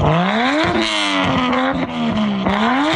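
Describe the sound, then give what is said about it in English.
A car engine with a loud, raspy modified exhaust revs hard, climbing in pitch, easing back, then surging again, filling the whole stretch with no voices. “wants a pilot project to be launched to ticket drivers with noisy modified exhaust systems.”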